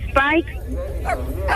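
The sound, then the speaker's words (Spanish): A German shepherd puppy with brown paws whines and yelps in three short, high-pitched bursts, with a low steady rumble running underneath. “¡Está chillando, perrito!”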